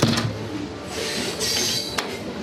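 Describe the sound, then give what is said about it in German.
A train leaving Vancouver for Banff in the Rocky Mountains slowly gets underway past industrial sites, cranes and timber yards, with a low rumble of rolling cars, a faint high metallic squeal and a couple of sharp clanks, steady with no voices. “Langsam setzt sich der Zug in Bewegung, vorbei an Industriebetrieben, Kränen und Holzlagern.”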